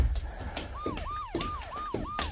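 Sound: police car sirens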